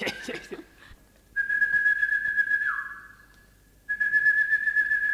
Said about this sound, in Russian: Услышав условленный свист, Рогозин откликнулся.